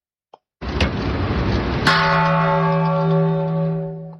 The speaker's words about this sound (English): UN Secretary General Antonio Guterres called on world leaders to work for peace at a United Nations ceremony Wednesday. The annual ceremony of ringing the peace bell at the UN takes place ahead of the International Day of Peace on September 21st.